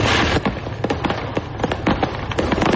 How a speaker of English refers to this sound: That is a truck carrying fireworks exploding on I-75 in Tennessee.